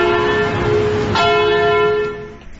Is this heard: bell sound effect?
yes